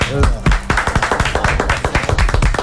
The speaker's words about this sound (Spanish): Vamos a aplaudir.